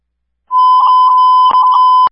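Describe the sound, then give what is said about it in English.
A loud, steady electronic alert tone from a fire dispatch system, activating a dispatch of Engine 3 to investigate home alarms set off by a power surge, sounds for about a second and a half, with a couple of sharp clicks breaking in near the end. “Activation.”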